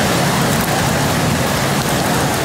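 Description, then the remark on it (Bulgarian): Heavy rain pours down over the Veliko Tarnovo region, about 80 litres per square metre, in a steady, dense, loud roar, with no letup and no voices. “Невижданите 80 литра на квадратен метър се изляха над Велико Търновско.”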